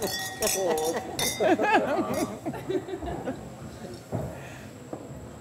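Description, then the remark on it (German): Glasses clink together a few times in quick succession during a toast, bright ringing tones hanging briefly, while several people chatter and laugh over one another. “Und ja, genießt. Viel Spaß. Prost. Prost. Prost. Prost.”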